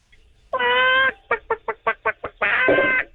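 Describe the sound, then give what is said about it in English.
A high-pitched voice imitates a chicken: a long drawn-out squawk, then a quick run of about seven short clucks, ending in another stretched squawk, loud. “Okay, and now can I get the same chicken sound effect, but with a higher pitch?”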